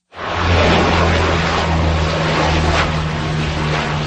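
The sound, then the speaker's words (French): Loud, steady drone of firefighting aircraft engines, including Canadair water bombers dropping loads over a wildfire in Gironde around Lège-Cap-Ferret, France; a low humming roar with broad rushing noise that holds for the whole stretch, no voices. “Des avions, dont des Canadairs, effectuent des largages sur de larges zones.”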